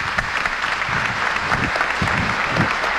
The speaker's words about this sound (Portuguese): Então vamos acolhê-los com a salva de palmas.